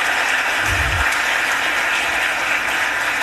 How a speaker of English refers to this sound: Give them a round of applause for being joining us in City Council today.